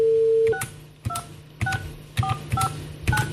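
A steady dial tone gives way to six firm keypad presses, each a short two-note beep with a sharp click, spaced about half a second apart in an even rhythm.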